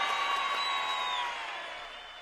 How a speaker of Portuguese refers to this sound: Não, peraí, os caras precisam de palmas, velho. Palmas.